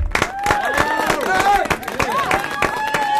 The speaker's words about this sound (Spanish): es un columnista más, merece este aplauso.